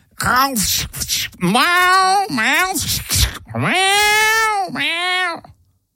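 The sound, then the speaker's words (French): A voice imitates the screeching yowls of a cat that a man sits on in an armchair: several loud, drawn-out, wailing cries in quick succession, rising and falling in pitch, alone with no other sound. “Le chat. Voilà, le chat.”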